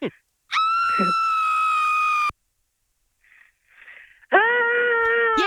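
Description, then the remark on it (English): A recorded loud, sustained high-pitched scream is played for about two seconds, then after a short pause with faint breathy noise, a person tries to copy it with a second, similar scream. “We're going to play a scream for you and then you're going to try and copy it, okay?”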